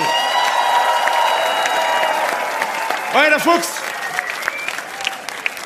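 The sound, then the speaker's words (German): Steady, sustained audience applause fills the whole stretch, with a voice shouting briefly over it and a rising whoop-like cheer cutting through midway. “Einen riesen Applaus nochmal.”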